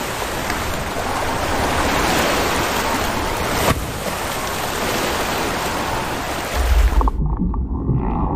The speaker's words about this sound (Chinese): 这种庞然大物至少能发出7个8度音阶的音，按照一定的节拍音节长度来演唱。雄性座头鲸会不断用歌声吸引配偶，拍动着前鳍，激荡水花，引吭高歌。